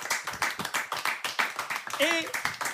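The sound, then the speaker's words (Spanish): An audience applauds steadily for a few seconds with dense, uneven clapping, and a brief high whoop or cheer rises over it near the end, a big round of applause at a Galicia Friki Film Festival event. “aplauso grande desta noite para”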